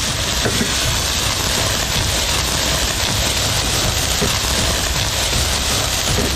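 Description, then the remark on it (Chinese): Pork intestines sizzle hard in a wok with dried chilies and Sichuan peppercorns as they are stir-fried to render off excess fat, a loud, unbroken hiss with dense crackling spatter that holds steady throughout, with no one talking. “炒肥肠， 对，炒肥肠，把这个多余的一点点油脂太腻的那些给它煸一煸啊。”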